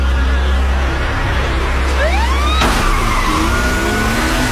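Loud, continuous roar of car engines with rising, sweeping siren-like wails near the middle, followed by a sudden burst and squealing tones, like a fast-paced vehicle chase with police sirens, from the Korean film Hope.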